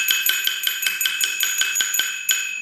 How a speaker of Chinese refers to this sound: 听起来啊，非常清脆的这种铜铃声，但是您刚才啊，轻重顿挫的这种声音，让人能感受到这个可能就是我们这个戏曲里能够带出来的那种旋律，还有它类似于这种呼吸一样的感觉。